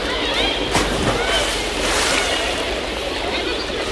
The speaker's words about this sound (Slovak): Zvuk kúpaliska predsa. Tam sa budeme všetci stretávať.